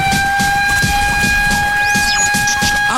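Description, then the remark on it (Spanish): A loud, sustained siren wail, the Cobreloa siren played on Radio Alegría del Transporte because Cobreloa is two goals up against Cobresal, holds a steady high pitch throughout, with a brief swooping rise and fall partway through, over a rhythmic low thumping underneath. “Estamos contentos, suena la sirena de Cobreloa, porque Cobreloa a esta hora va dos arriba ante Cobresal.”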